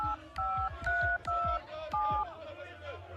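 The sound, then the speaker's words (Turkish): A telephone keypad beeps through about five dialing tones in a steady rhythm as someone places a call, each short electronic double-tone opening with a small button click, clear. “Bir de ben arayayım bakayım şunları.”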